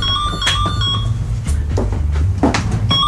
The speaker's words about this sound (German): Bis dann am späten Vormittag das Telefon klingelt.